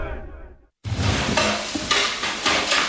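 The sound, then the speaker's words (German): A brief clink of a spoon stirring in a pot fades out, then a loud, steady hiss of food sizzling in a pan fills the rest, with scraping and small pops. No one speaks. “Löffel, Topf, Pfanne, Bad Ischler. Na, die wichtigsten Sachen hast du schon benannt.”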